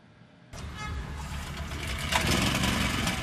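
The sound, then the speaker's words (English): A generator engine starts up abruptly after a brief quiet moment, then runs with a steady, loud, rough drone and a rattling mechanical hum that builds slightly over time. It is used with a motor to run a blender when there is no electricity. “There is no electricity, so we use a generator and a motor to run the blender.”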